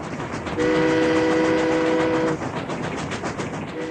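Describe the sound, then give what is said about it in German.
A steam train rumbles along with a steady, noisy clatter while its horn blares a sustained low chord for nearly two seconds, then starts sounding again right at the end. “Es gab da eine höchst aufsehenerregende neue Erfindung namens Eisenbahn.”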